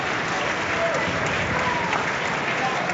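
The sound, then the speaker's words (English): Steady, dense applause from a large stadium crowd at a football match as player Conor Ronan is substituted off, a continuous wash of clapping at an even loudness throughout, with faint whistles and murmurs mixed in. “And warm applause for Conor Ronan, who's put in quite a shift, as Willie mentioned, really been taking charge of many of the set pieces.”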